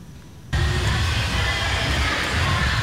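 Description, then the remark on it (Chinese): After a brief quiet moment, a loud, steady rumble of a Taiwan Railway train at Shalu railway station sets in abruptly and continues, with heavy low-end roar and no voices, during on-location filming of the Da Ai TV drama 日照清水. “而剧组与台铁合作，是在沙鹿火车站实地拍摄，要还原是两年前感人的火车圆梦之旅。”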